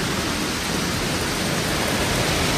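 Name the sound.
hail falling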